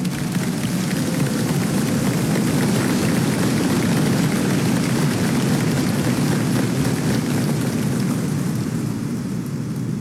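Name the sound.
audience applauding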